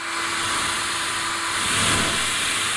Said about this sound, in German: Wenn ihr den Föhn so haltet, dass ihr im rechten Winkel am Mikrofon vorbeibläst, hört sich das dann so an.